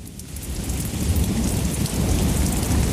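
Heavy rain pours steadily while deep thunder rumbles underneath, a loud, continuous storm that swells slightly in intensity with no voices present.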